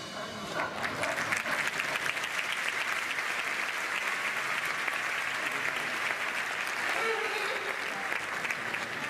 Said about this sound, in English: Hey, stop clapping or you go out of here.